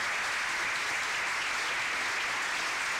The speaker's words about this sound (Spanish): Si no aplaudo yo solo, no me va a aplaudir. Es lo que tenía a mano, los aplausos, así que bueno. Hay aplauso para todos ustedes, para mí, bueno, para todos.